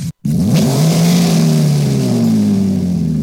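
A car engine revs up loudly, its deep rumble rising in pitch and then holding a steady, throaty roar, with no one speaking.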